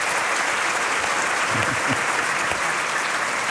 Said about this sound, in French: Franchement, on peut les applaudir parce que c'était déjà pas mal, comme début.